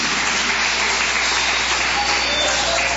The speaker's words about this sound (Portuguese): E as palmas para Jesus.